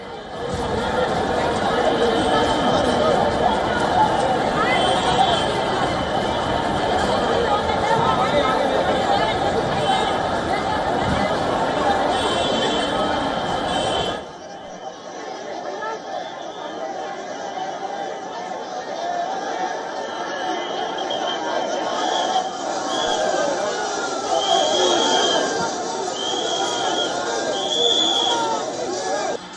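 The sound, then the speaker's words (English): A dense crowd of demonstrators at a packed protest site in Delhi, where police and paramilitary forces are deployed, fills the air with steady, overlapping chatter and shouts, with scattered whistles piercing through; midway the sound thins briefly before the crowd noise swells again. “The protest site remains packed with demonstrators as hundreds of Delhi police personnel and paramilitary forces were deployed to prevent the march from advancing.”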